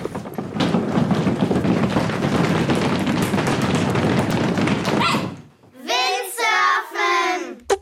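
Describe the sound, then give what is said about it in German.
Windsurfing on open water: a steady, loud rush of wind and splashing spray for about five seconds, then a short pause before a few seconds of high, excited voices. “Na klar, Windsurfen war gesucht.”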